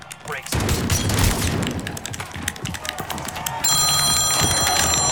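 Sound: mobile phone ringing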